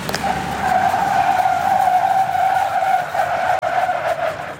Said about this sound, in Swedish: På halkbanan här testar 180 gymnasieelever på att bromsa i halt väglag i olika hastigheter och däcken skriker.